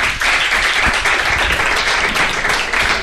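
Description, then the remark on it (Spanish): An audience starts to applaud because they liked what was said, a dense, steady patter of many hands clapping that stays fairly loud for about three seconds without dying away. “Que no, por favor, si es que han hecho el amago de aplaudirle porque les ha gustado lo que ha dicho.”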